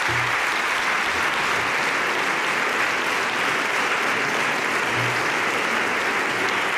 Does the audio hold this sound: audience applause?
yes